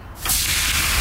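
Food sizzles on a grill, a loud, steady crackling hiss that rises sharply after a brief quieter moment and then holds evenly to the end, with no voices.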